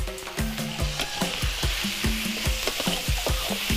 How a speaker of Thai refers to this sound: เอาหอมแดงใส่เลยเราต้องทำแอร์ให้หอมแดงออกเหลืองๆสักหน่อยหนึ่งก่อนนะ